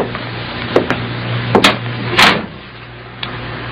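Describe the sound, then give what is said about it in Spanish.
A door is closed by a man leaving for another office: a couple of light latch clicks, then a firm thud, followed by one faint click, all over a steady low background hum with no voices. “Cerró la puerta.”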